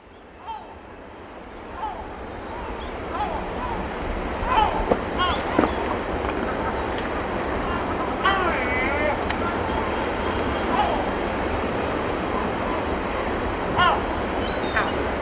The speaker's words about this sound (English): Seagulls, you see? Seagulls!